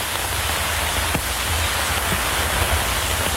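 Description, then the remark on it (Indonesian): Steady acid rain falls in a dense, even hiss, with occasional heavier drops tapping a surface. No voices, just continuous downpour at a moderate level throughout. “Hujan lagi.”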